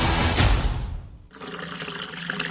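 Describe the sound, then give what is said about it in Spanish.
Water gushes loudly from a tap for about a second, then cuts to a steadier, thinner running stream with a hollow, splashing texture, with no voices. “Hoy sí cerré la llave mientras me cepillaba los dientes y utilicé un vaso de agua para evitar desperdiciarla.”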